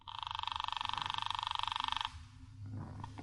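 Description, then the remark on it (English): A telephone bell rings in one loud, rapid metallic trill lasting about two seconds, then cuts off, leaving faint low background rumble. “She won't answer. It's ringing. I can hear it upstairs.”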